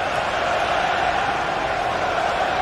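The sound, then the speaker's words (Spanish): A football crowd at a Belgium–Egypt match in a stadium, 16 minutes into the first half, roars and shouts in a continuous, dense wash of voices, holding a steady loudness throughout with no single voice standing out. “Mira cómo gritan.”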